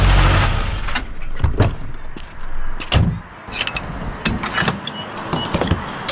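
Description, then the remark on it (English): Fuel being pumped into a car's tank at a gas station: a steady rushing flow with scattered mechanical clicks and clunks of the nozzle and car, with no voices. “Hear that? It's your paycheck going straight into the tank.”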